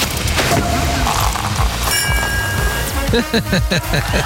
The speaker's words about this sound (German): Vor allen Dingen kriegst du aber von mir jetzt auch erstmal einen Applaus.